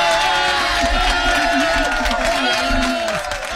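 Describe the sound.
A canned applause and cheering effect, a dense, steady wash of clapping with crowd voices mixed in, loud and continuous throughout before easing slightly at the very end.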